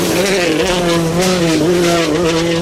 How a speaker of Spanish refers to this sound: Pues no, chicos, esto es que escucháis es un coche de rallies.